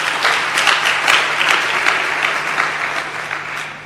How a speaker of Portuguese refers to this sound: Uma salva de palmas para Niassa.